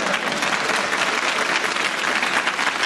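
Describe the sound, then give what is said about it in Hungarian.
Steady, dense audience applause, many hands clapping at once in a continuous crackling wash, fairly loud and even throughout with no voices standing out. “Nekem ne akarjál tapsolni ilyenkor.”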